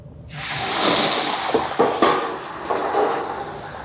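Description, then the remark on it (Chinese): A loud, steady sizzling hiss of blanched wolf-tooth (crinkle-cut) potatoes poured into oil heated to 80% and frying, starting abruptly and holding broad, bubbling crackle throughout, with a few sharp clanks of a utensil against the pan as they are stirred to stop them sticking. “将油温烧热，烧至80%，将焯水好的狼牙土豆倒入锅内。”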